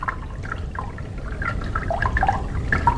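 River water runs steadily with a continuous low rush, dotted with bubbly gurgles and small splashy blips throughout, moderately loud, with no voices.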